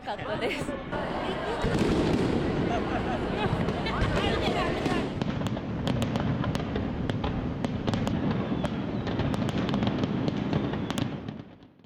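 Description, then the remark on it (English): A fireworks display of more than 20,000 rounds crackles and pops in quick, irregular bursts over the steady roar of a large outdoor crowd of spectators, with people chattering and cheering throughout before the noise fades at the end. “I've never seen such unique fireworks before.”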